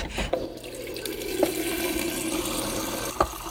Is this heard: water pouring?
yes